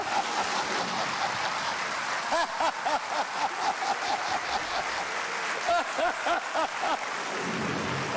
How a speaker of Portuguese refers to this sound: Vamos só dizer que lá fora está a cair uma carga d'água. Eu acho que São Pedro ficou tão contente com o … que resolveu manifestar-se, não acham?